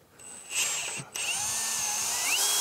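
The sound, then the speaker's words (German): A power drill whines steadily while drilling, with a brief pause in the middle before spinning up again, its pitch rising and shifting as it bites into material. No voices are heard. “Nee, nee, bohren tut das einmal frei.”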